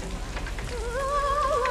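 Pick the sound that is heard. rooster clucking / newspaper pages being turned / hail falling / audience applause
hail falling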